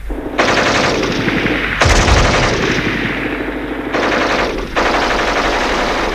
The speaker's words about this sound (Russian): Немцы вдруг начинают пальбу. И мы добрых 15 минут лежим, уткнувшись в землю носами.